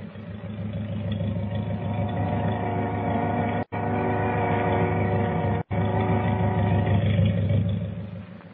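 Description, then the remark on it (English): A steady, heavy motor drone rumbles continuously with low harmonic hum, the motors of the boat La Paloma as it pulls out, with two abrupt brief dropouts in the middle; no one speaks. “Sounds like motors. It is. Hey, the boat's moving. She's pulling out.”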